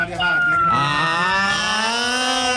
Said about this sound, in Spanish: ¿Tiene que poner la sirena?